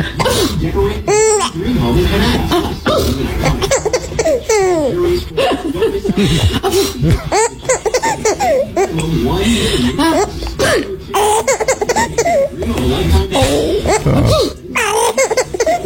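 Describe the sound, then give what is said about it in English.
A woman repeatedly fakes sneezes, each short, sharp burst followed by a baby's squealing, bubbling laughter and giggles, with the laughter and babbling continuing throughout at a loud, lively level. “It was my dear wife, and it was a fake sneeze of all things.”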